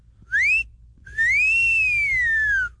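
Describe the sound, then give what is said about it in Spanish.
A person whistles two loud, clear notes, a short rising note and then a longer one that swoops up and slowly falls, like a catcall whistle, with no talking. “El chiflirito para las de 100 y menos”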